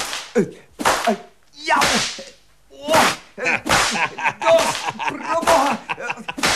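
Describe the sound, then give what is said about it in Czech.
A whip cracks loudly again and again, a rapid, irregular series of sharp snapping lashes with brief pauses between bursts, forceful. “Ten bič se zdá solidní. Dejte sem!”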